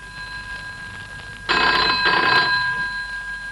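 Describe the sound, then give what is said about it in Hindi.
A telephone bell rings in two bright, rattling bursts, loud and metallic with a short gap between them, over a faint steady hum and no voices. “अरे रे रे रे, फिर घंटी।”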